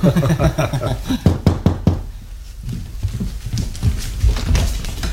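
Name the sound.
knocking on a door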